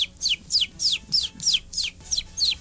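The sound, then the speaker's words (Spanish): A person imitates a chicken with about eight quick, high, downward-sliding clucks in a steady rhythm, fairly loud, with no talking. “Yo puedo hacerle como pollo, como dato curioso.”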